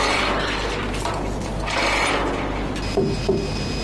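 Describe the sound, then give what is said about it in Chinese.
A ratchet strap is cranked tight to secure a load of sand, giving a steady run of rapid mechanical clicks with a couple of sharper clacks near the end. Nobody speaks. “咱得把这个沙禁锢好。”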